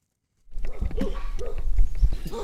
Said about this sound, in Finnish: Tässä tapahtuu niin, että meidät haukutaan heti, kun me päästään paikalle.